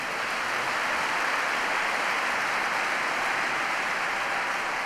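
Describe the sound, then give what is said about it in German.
Steady, dense applause from a large audience after the musical piece of the lions, sustained and even in loudness throughout with no voices standing out. “Majestätisch, Applaus für die Löwen.”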